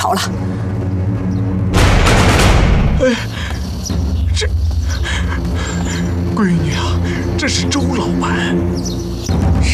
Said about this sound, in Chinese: 枪响，是枪响！ 二少爷，站住！去哪儿？呀，外面有人开枪，我想去看看。